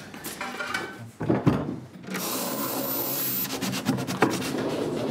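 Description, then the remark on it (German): A wooden drawer in an escape room scrapes and rumbles as it slides open, releasing a key, with a couple of knocks partway through and a steady sliding rasp after. Fairly loud, no voices. “Und wenn ich dann nachher alle Fähnchen richtig gesetzt habe, öffnet sich wieder eine Schublade und einen Schlüssel erhalte ich.”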